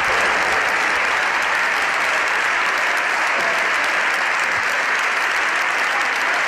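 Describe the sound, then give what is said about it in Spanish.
Partido Popular deputies in a parliamentary chamber applaud together in support of a fellow deputy, a dense, steady wash of many hands clapping at once that stays loud and unbroken for the whole stretch, with no voices standing out. “Estos aplausos son los aplausos de los diputados del Partido Popular que apoyan a Ana Belén Vázquez, que la animan, que se indignan con esta”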